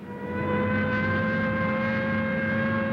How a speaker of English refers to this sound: The track ambulance is racing across the field.